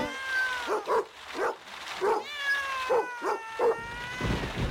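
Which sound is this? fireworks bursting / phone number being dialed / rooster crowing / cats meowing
cats meowing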